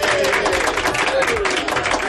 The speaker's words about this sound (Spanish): Pues el aplauso para ti